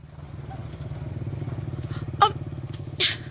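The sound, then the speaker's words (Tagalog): A motorcycle engine idles and putters steadily, a low rhythmic throb throughout, with a couple of brief sharp clicks or clanks near the end. “Sundan na to katong motor nga bago pala yung digikan.”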